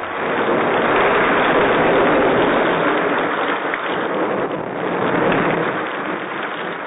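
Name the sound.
heavy rain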